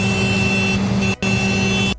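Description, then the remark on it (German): A tractor horn honks to announce the early-shift breakfast, a joint action of MDR Thüringen and Bäckerei Bergmann. It gives two long, steady blasts, the first about a second long and the second running straight after a brief break, loud and buzzy over a rumbling engine. “Frühstück ist eingehupt und ich glaube, man konnte die leuchtenden Augen sogar hören.”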